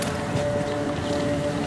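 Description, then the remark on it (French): Car engines run in a steady, continuous drone, a low rumble with a faint sustained hum on top and a bit of wind noise, no voices. “Le chant sympathique des moteurs.”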